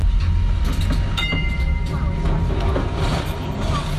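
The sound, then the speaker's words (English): A tram rumbles steadily along its rails at the 2026 European Tram Driver Championships, held live in Warsaw, loud, with a brief high metallic wheel squeal early on and a continuous low mechanical roar throughout. “So, picture thousands of fans, Jen, following this live spectacle, those sound effects there, live in Warsaw, and about 80,000 people were watching worldwide on a live stream.”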